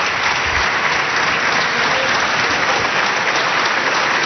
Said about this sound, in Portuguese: Os aplausos são do PSD. Aplaudir as respostas de Luís Montenegro a André Ventura.